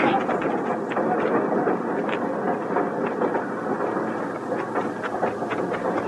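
A train rolls along the rails with a steady, heavy rumble, broken by irregular metallic clacks of the wheels over the track joints, loud throughout.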